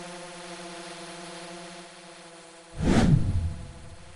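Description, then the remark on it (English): A cargo drone carrying a crate of mandarin oranges, about 20 kilograms, from a hillside about 500 meters high down to processing facilities: its rotors drone with a steady, multi-toned hum, then surge into a loud rushing whoosh as it sweeps past, its pitch dropping away. “Drones now transport the fruit from hills about 500 meters high to processing facilities below.”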